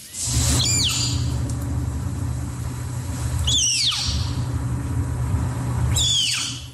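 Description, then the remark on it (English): A captive snow leopard cub, being weighed by veterinarians at the Como Park Zoo and Conservatory in St. Paul, Minnesota, squeaks three times, each call a shrill, high cry that slides downward in pitch, spaced a few seconds apart over a steady low rumbling hum. “And you're about to hear a snow leopard cub while it's being weighed by veterinarians at the Como Park Zoo and Conservatory in St.”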